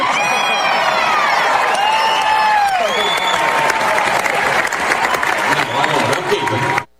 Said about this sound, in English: Big cheer from the crowd. Big laugh to that.